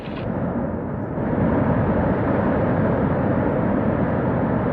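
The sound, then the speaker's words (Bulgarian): A loud, steady roar of water gushing at full force from water taps turned fully open to cause a flood, swelling slightly after the first second and then holding constant, with no voices. “А сега най-повече вода!”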